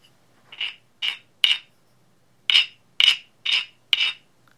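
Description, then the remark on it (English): A small cricket, barely an inch long, chirps from a boy's clenched hand in short, bright, high-pitched bursts: three quick chirps, a brief pause, then four more in a steady rhythm, with no voices. “Just then, they heard a strong chirping sound of a cricket.”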